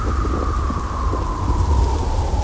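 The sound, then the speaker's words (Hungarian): A steady stormy roar of wind at around midnight, bending old trees, with deep low rumbling, a faint whistling howl sliding slightly downward over the top, loud and continuous throughout, with no voices. “Éjfél tájban vihar támadt, hajlítgatta a vén fákat.”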